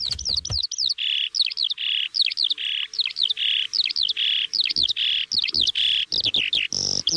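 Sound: eurasian skylark singing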